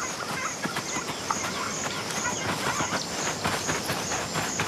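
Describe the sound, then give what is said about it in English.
A drongo gives repeated short, high-pitched calls imitating a meerkat predator alarm call, ringing out in a steady series over a dense, rustling outdoor background, moderately loud, with no one speaking. “But once again, a bird will spoil the meerkat's outing.”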